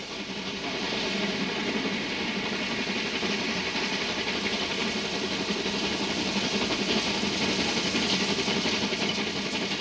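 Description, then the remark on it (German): An oil-fired class 01 steam locomotive, one of two running in parallel on the Black Forest Railway (Schwarzwaldbahn), runs with a steady, dense roar and hiss, a continuous rumbling wash of sound that holds an even loudness throughout, with no voices. “Übrigens sind die beiden 01er mit Öl befeuert. Kohleschippen gibt's also nicht mehr.”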